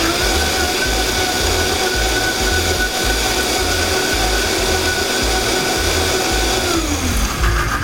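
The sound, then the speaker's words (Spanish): A blender runs continuously at high power, churning a thick red salsa made without added water, with a loud, steady motor whine and a lumpy, pulsing low rumble, then the pitch drops as it slows near the end. “No le he puesto agua, vamos a volverla a licuar.”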